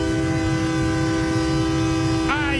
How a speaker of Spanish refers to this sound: Pinta maquinita. El pitido de la Máquina, que bueno, en la revisión.